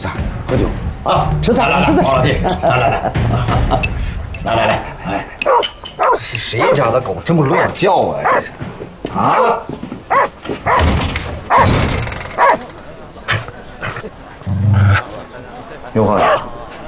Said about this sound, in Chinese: 是谁家的狗这么乱叫啊？啊！